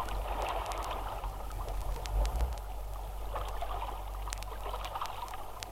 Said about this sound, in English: The waves rose and fell in the moonlight as the tide flowed in.